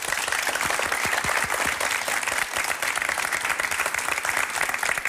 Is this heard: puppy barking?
no